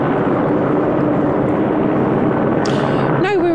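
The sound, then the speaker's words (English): A helicopter hovers overhead at Downing Street, its loud, steady rotor roar filling the whole clip with a constant low hum, and a voice briefly breaks through near the end. “I hope you can hear me because there is a helicopter hovering overhead.”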